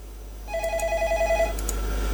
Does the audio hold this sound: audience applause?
no